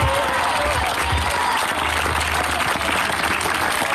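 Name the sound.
audience applauding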